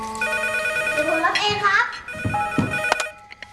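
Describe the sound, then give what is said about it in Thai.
A phone ringtone plays a bright, steady electronic melody of sustained high tones, while voices speak briefly over it, as a call comes in from the father. The ringing continues throughout before fading out at the end. “ใครโทรมา พ่อโทรมาครับ”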